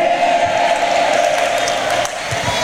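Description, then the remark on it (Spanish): An audience claps steadily in praise of the Lord in a loud, dense wash of applause, with a sustained tone underneath and scattered cheers or whoops rising out of the crowd. “Denle más fuerte ese aplauso al Señor, hermanos.”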